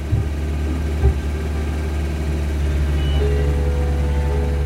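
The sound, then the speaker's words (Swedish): An approaching vehicle engine rumbles steadily with a deep, low hum and faint higher whine, growing slightly louder over a few seconds. No voices are heard. “När motorljudet kom närmare började de gläfsa och trängas vid hundgårdens dörr.”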